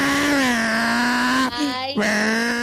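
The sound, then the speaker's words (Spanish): A voice imitates a revving motorcycle with a loud, steady, buzzing drone. It breaks into a brief sputter about halfway through, then the engine hum resumes at the same pitch. “Doctora, mire lo más que mis vecinos están quejando de que yo me creo una moto y hago toda la lluvia.”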